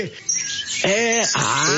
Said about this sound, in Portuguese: Ei, ó, solta as passaradas tudo aí pra nós ouvir aqui em São Bernardo, pro povo ficar dormindo acordar, meu irmão.